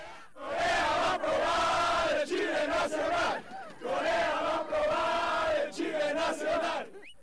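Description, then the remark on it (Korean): Mexican football fans leaving the stadium in Guadalajara jump and shout a rhythmic cheering chant in unison in the square, loud bursts of many voices with short pauses between phrases, repeating the same pattern several times. “마치 자국 축구팀이 승리한 듯 광장을 떠나지 않고 방방 뛰며 응원 구호를 외치는 멕시코 축구 팬들.”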